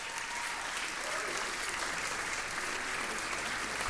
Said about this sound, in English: Oh, the applause for me, I know.